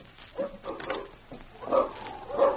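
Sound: dogs barking and whimpering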